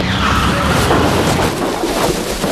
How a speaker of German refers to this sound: Ein Auto. Es ist hinter uns hergefahren. Und in den Heuwagen gekracht. Meine Güte, das ganze Heu ist auf das Auto gerutscht.